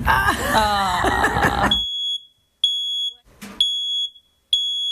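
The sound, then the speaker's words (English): A loud, shrill smoke alarm sounds in repeated high-pitched beeps with short gaps between them, following a brief burst of jumbled vocal noise at the start. “Fire and Rescue New South Wales is urging you to be fire safe this winter and have a working smoke alarm.”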